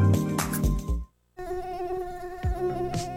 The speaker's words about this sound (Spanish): ¿Sabes quién transmite el virus dengue, zika y fiebre amarilla? El zancudo Aedes aegypti.